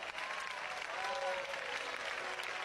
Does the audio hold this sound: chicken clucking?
no